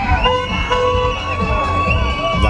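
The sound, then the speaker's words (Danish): A crowd of celebrating students cheers and shouts while sustained, overlapping car horn toots blare steadily, with layered voices and honking continuing loudly throughout. “Er nemlig fyldt med glade studenter, men den her fest risikerer at blive spoleret af politiet, som ligger på lur for at tjekke, om bilerne nu også er lovlige at køre i.”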